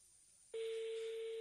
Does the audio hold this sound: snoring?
no